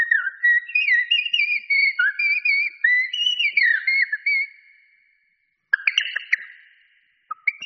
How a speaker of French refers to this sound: Duo de Merle Noir.